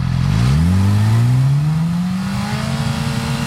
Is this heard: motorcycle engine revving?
yes